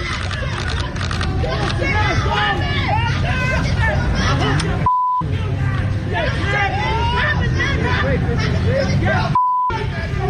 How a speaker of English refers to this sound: Now, they're calling the guy all kind of names. You got crowds in the Bronx.